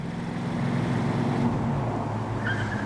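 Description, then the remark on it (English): A car engine drones steadily for a few seconds, a sustained low rumble of a car speeding down a residential back street in bright morning sunshine, with no voices present. “Now, his car's speeding down a residential back street in bright morning sunshine.”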